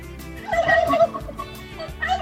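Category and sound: bird, turkey gobbling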